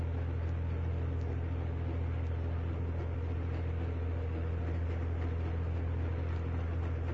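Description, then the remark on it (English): Southern Pacific 3030, a first-generation Fairbanks Morris Senior Trainmaster Model H2466 diesel, makes a high-speed afternoon commuter run through San Mateo, California, with a steady, heavy low-pitched engine drone and broad rushing noise that holds an even loudness throughout, with no voices. “And that Southern Pacific 3030 made a high-speed afternoon commuter run through San Mateo, California.”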